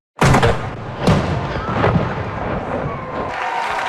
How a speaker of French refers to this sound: Les Forces armées canadiennes ont salué ces nouveaux citoyens de 21 coups de canon et la fête a repris en musique et en chanson.